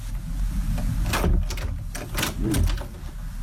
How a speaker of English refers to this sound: Oh, that's a very noisy. I thought there would be more of a creaky door. I wondered whether you were going for spooky. No, that's like a door in your caravan. It's like the back door at Grandma's house.